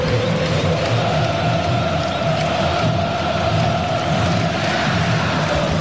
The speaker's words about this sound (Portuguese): Torcida subiu o tom, hein? Torcida subiu o tom.